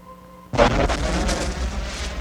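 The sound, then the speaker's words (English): A sudden deep boom bursts out of a faint tonal hum, then gives way to a loud, sustained rumbling roar with crackling bursts as countless volcanoes erupt, spewing clouds of gas and steam into the sky. “Now that sphere's creation continues, as countless volcanoes spew clouds of gas and steam into the sky.”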